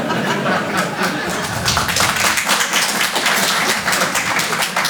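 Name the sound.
audience applause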